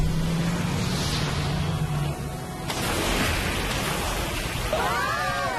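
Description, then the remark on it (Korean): A boat's super engine drones low and steady, then surges into a loud, rushing roar with churning water noise, ending on a brief sweeping whine. No one speaks. “넥스! 슈퍼엔진!”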